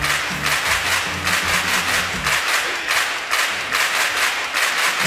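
Studio applause, a steady wash of many hands clapping at a fairly loud, even level for about five seconds. Low musical tones run under it for the first half, then fade.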